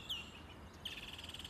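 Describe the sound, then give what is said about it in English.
Blackbird song outdoors: a short clear whistled note, then a rapid, evenly repeating chirping trill. Moderately faint, with no talking. “That's a blackbird.”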